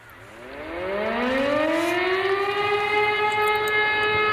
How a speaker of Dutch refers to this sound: Ja, het maandelijkse luchtalarm. Het kabinet heeft geen geld gevonden voor een nieuw sirenennetwerk dat je kan waarschuwen bij rampen. De minister van Justitie schrijft aan de Tweede Kamer dat er dus in 2028 een eind komt aan die maandelijkse test.